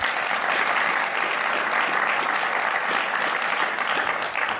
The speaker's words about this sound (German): Applaus und mit der früheren Bundesbildungsministerin Annette Schavan. Sie ist heute Vorstandsvorsitzende der Hertie-Stiftung. Applaus.